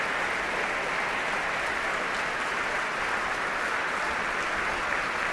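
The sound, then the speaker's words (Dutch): Sustained applause from the musicians of the Concertgebouw Orchestra for a South Korean pianist. A dense steady wash of clapping holds at an even level throughout, with no voices standing out. “Groot applaus ook van alle muzici van het Concertgebouworkest.”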